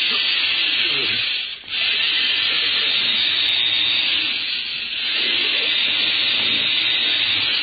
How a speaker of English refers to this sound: They're drilling out on the street, Book Capitus. Go ahead with your drill